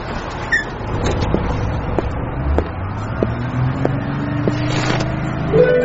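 A city bus drives along with a steady low engine rumble and rising gear whine, interior rattles and faint ticks scattered throughout, fairly loud and continuous with no voices.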